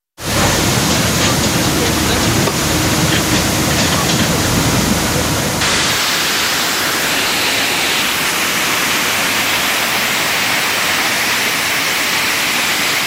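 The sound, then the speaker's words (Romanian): A loud, continuous roar of rushing floodwater, steady, its tone shifting slightly partway through as the churning flow carries on without pause; floodwater and mud blocking the DN10 road in Buzău County, Romania. “În județul Buzău, DN10 a fost complet blocat de apă și noroi, iar drumarii au intervenit cu mai multe buldozere.”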